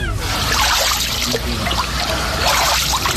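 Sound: wading through water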